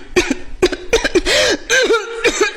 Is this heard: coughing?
yes